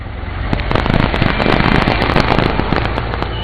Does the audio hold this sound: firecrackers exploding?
yes